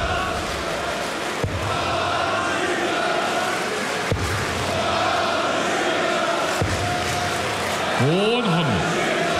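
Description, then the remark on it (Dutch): A large indoor darts audience murmurs and cheers steadily in support of a player, with scattered shouts and a rising chant breaking through near the end, all dense and continuous without a pause. “Deel van het publiek gaat zich er ook weer mee bemoeien.”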